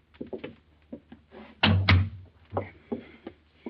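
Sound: door being opened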